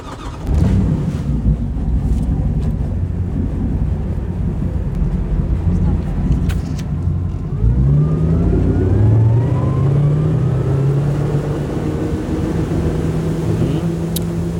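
A motorboat engine drones steadily, then throttles up midway with a rising, sustained roar as it pulls away towing a water skier, wind buffeting the microphone throughout.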